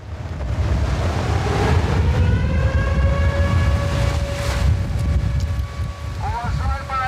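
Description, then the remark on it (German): Steady roar of sea surf at a tourist beach on a stormy summer day fills the whole clip, while a wailing air-raid siren sounding a midday air alert holds a long, slowly gliding tone over it, then wavers up and down near the end. “Der Sound hier in diesem Sommer, Meeresrauschen mit heulender Sirene.”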